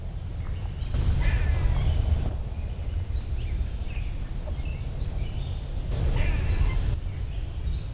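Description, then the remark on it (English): An eastern gray squirrel gives two short bursts of harsh, raspy chattering calls a few seconds apart, over steady outdoor background noise. “That's an eastern gray squirrel.”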